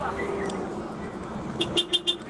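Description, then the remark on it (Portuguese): A Scania truck horn gives four short, bright blasts in quick succession, rising out of a steady rumble of road and engine noise after a quieter opening stretch. “a diferença da buzina aí, ó, da Scania.”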